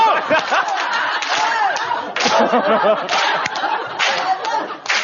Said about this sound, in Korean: 해병대 박수.